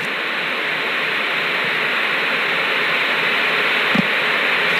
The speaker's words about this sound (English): Well, there's nothing but static on the screen. That's to be expected since there are no longer analog stations.